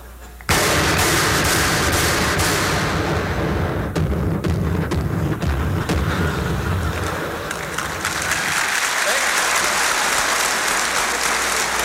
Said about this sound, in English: Somebody on the other side opens up with a 40-millimeter cannon.